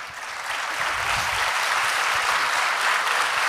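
Steady audience applause, a dense wash of many hands clapping at an even loudness that holds for the full few seconds without fading, with no voices standing out.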